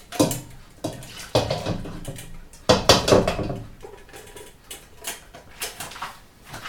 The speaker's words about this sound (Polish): Bierzemy duży garnek i po przelaniu naszej bazy już wrzucamy na nią ukrojoną wcześniej cebulę.